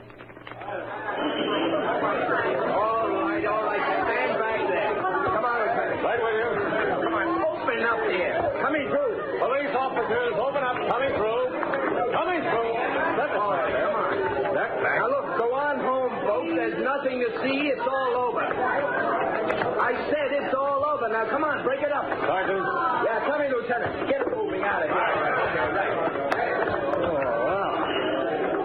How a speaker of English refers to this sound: a large crowd had gathered.